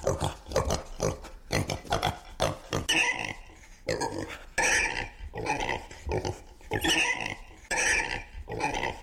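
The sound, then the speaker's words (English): Ivan the Blues Pig squeals and grunts excitedly in quick, uneven bursts, shrill yapping cries repeating over several seconds with brief gaps between them. “He's just yapping.”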